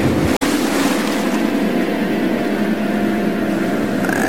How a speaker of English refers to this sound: Jack hops over the side of the ship and falls down, down, down. And whoosh, splash.